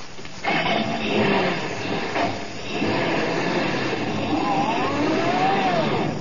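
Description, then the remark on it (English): A truck engine roars to life and pulls away, a loud steady rumble that holds for several seconds while a whining tone rises and falls over it, as Colonna's truck, loaded with luggage, drives off to the railroad station. “Yeah, we'll put the bags on your truck, Colonna. Now, come on, drive us down to the railroad station and step on it.”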